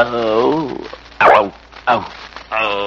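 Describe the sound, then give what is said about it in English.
A man's voice imitates a lion's growl, loud: a drawn-out vocal rumble followed by a few short, rough, barking bursts with brief pauses between them. “You growl once. Let's hear you do it again”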